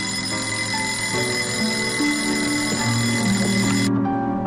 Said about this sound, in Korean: 자지러진 알람 소리에 잠을 깬 한목진은 벌떡 몸을 일으키고 손을 뻗어 책상 위에 자명종을 가져다 소리를 끈다